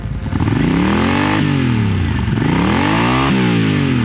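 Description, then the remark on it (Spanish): Loud motorcycle engines rev up and down in rising and falling sweeps as four riders set off west on their motorcycles, several throttle bursts following one another with a rough, throaty mechanical roar and no voices. “Cuando tuve 18 años, mi hermano, 2 amigos y yo decidimos dirigirnos al oeste en nuestras motocicletas y encontrar la libertad de la que leíamos en las revistas de motociclismo.”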